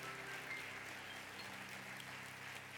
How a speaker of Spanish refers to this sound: Entonces, aplauda a Dios que está en este lugar. Apláudale, apláudale.